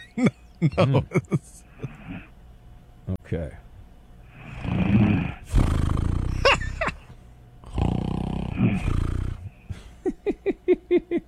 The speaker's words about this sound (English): I hear a little snore. Oh, okay. It turns out she's got a little snore situation. Oh, it's getting... Is this sound effects? Is getting bigger?